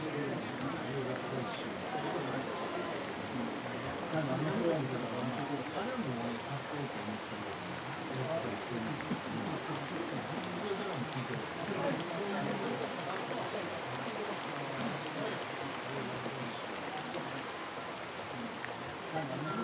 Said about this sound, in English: And never to have had to listen to rain, so much like politicians' speeches. 2 hours of unrelenting oratory, and then a sudden golden silence